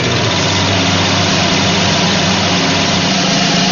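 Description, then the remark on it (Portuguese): A sewing machine, used by a grandmother mending clothes, runs continuously, its motor giving a loud, steady mechanical whir and buzz with a low vibrating hum underneath, unbroken for the whole stretch and with no voices. “A máquina que a vó tá usando é uma famosíssima máquina de costura.”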